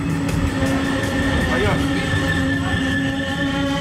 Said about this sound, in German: Der RE4 fährt ein. Lautsprecherdurchsagen hört man nicht am Bahnhof Rathenow, die sind defekt.